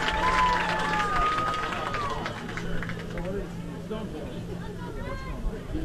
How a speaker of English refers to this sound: A collective murmur amongst the crowd of how do you have a legal formation on defense, for those that don't know.